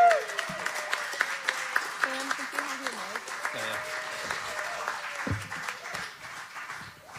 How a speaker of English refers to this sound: All right, if we're really nice and we give a big, loud applause,